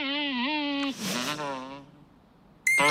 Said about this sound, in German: Jetzt wird es ja noch lauter. Was ist denn das? Da sitzt ja der Vogel und singt. Ganz schön laut.